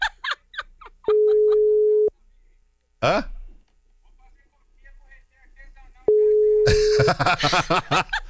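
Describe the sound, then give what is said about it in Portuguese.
A phone ringback tone sounds twice while calling someone, steady one-second beeps separated by a pause, with scattered speech and a brief exclamation between them, then loud overlapping chatter after the second ring. “Vou ligar pra essa cachorra.”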